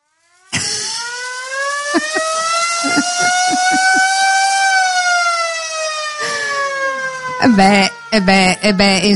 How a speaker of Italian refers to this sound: Volevamo sentirlo. Potremmo fare un festival solo su quello, il festival della sirena.